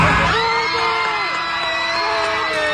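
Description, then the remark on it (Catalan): A crowd of Argentine airplane passengers cheering and shouting together in the plane's cabin after a loudspeaker announcement congratulating them that their national team had won the World Cup, a sustained burst of loud, excited whoops and yells with overlapping voices throughout. “Ja ho sentiu, els felicita i la majoria de l'avió esclata d'alegria, però, pocs segons després, el comandant de la nau els aixafa la guitarra amb el resultat real.”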